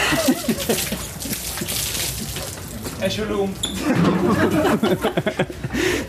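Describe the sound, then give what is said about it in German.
A cup of beer is splashed over someone, a quick wet slosh and splatter amid loud, bustling crowd noise and voices: teammate Lagergren gives winger Tim Hornke the customary beer-cup shower in Magdeburg, celebrating the early league title. “Kollege Lagergren spendierte die obligatorische Bierbecherdusche.”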